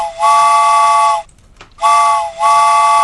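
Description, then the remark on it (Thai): A loud train whistle sounds twice as a train arrives, each long steady multi-tone blast lasting about a second, separated by a short pause. No voices are heard. “อ่ะมาช่วงหัวค่ำแบบนี้นะคะมีใครอยากขึ้นรถไฟกันบ้างนะคะมาได้เลยรายงานตัวกันได้เลยเพราะว่าตอนนี้รถไฟมาแล้วค่ะ”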